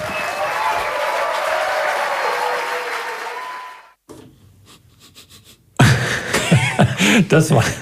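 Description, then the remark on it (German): A short burst of applause from a small audience, a steady wash of clapping that thins out and fades, after which a person begins speaking. “Das war noch ein kleiner Applaus hinterher.”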